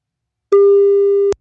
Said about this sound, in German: Aha, ein Freizeichen. Das ist schon mal gut.